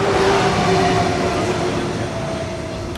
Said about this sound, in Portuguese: O PS nas jornadas parlamentares do partido amanhã começou com esta viagem de comboio na linha de Sintra.